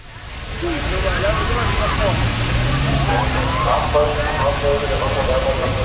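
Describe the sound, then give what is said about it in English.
A police water cannon in Berlin sprays crowds to give them relief from a heat wave, a steady, loud rushing hiss over a low engine rumble, while the crowd's voices shout and chatter throughout underneath. “In Berlin, police deployed water cannons, not to fend off protesters, but to give crowds of people relief from the heat wave.”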